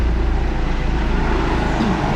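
A steady, loud low rumble of a helicopter overhead, with a faint rhythmic throb under broad engine noise holding constant for the whole moment. No one speaks.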